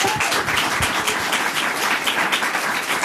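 Steady, dense applause from an audience, a continuous crackle of many hands clapping at an even loudness for a few seconds with no voices on top.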